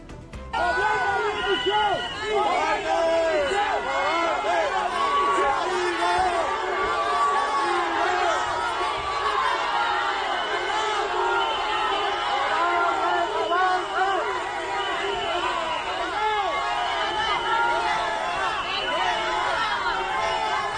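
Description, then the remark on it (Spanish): A loud crowd in Ceuta shouting and jeering at Spanish minister Grande Marlaska on his arrival, many overlapping raised voices with insults and shouts of 'coward', 'traitor' and 'resign', sharp whistles cutting through, sustained without pause for the whole stretch. “Comenzamos con la información de este viernes 14 de agosto contándoles que el ministro Grande Marlaska fue recibido en Ceuta con pitadas, insultos y gritos de cobarde, traidor y dimisión.”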